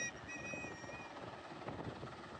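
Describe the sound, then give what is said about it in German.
A helicopter flies, its rotor producing a steady, loud chopping drone with a faint high whine layered on top, continuous throughout with no voices. A rescue helicopter bringing passengers adrift in the sea to safety after a ship disaster. “Erst Helikopter und Rettungsboote bringen sie schließlich in Sicherheit.”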